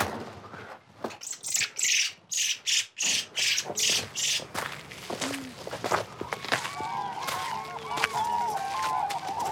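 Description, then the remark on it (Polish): Rhythmic crunching footsteps open the scene, then a field fills with calling cranes and larks, bright chirps and trills overlapping steadily. “Ale mamy dźwięki z terenu. Żurawie i lerki.”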